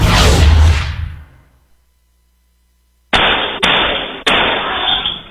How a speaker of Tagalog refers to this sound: Umalingaw-ngaw ang sunod-sunod na putok ng baril sa loob ng isang subdivision sa Caloocan City pasado alas 3 ng madaling araw noong July 17.